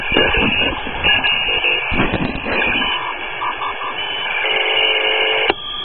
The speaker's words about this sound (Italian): Cosa che adesso farò su questa massa di segnali che state sentendo. Adesso muoverò lo switch e sintonizzerò uno di questi a mano.